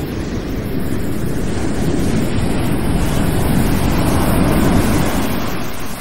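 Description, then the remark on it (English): Steady, loud roar of ocean waves mixed with gusting wind, a continuous rushing wash with heavy low rumble and no voices, filling the whole stretch without pause. “My only anchor and hope had vanished in those waves.”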